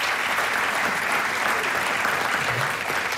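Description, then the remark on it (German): A crowd claps again for a photo at a prize and trophy presentation, applauding steadily throughout. Dense clapping from many hands holds a consistent, fairly loud level without any speech over it. “Sie könnt noch mal klatschen, damit dort Fotoschmuck wart.”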